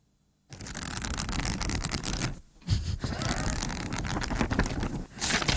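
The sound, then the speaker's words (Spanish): Loud papery rustling as book pages are flipped rapidly, a steady flutter running for several seconds with two brief pauses before it resumes. “Pasar hojas, entonces, ¿qué estás haciendo? Leyendo.”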